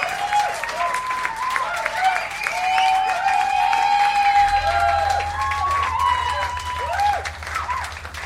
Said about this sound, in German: Und deswegen ganz, ganz großen Applaus